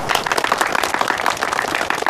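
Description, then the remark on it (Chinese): A group claps steadily to welcome a new member joining the first squad of a reconnaissance company, in dense, overlapping applause that holds at an even, fairly loud level for about two seconds without any voices. “侦察连一班是全师侦察兵的好榜样，我很高兴加入侦察连一班， 鼓掌欢迎。”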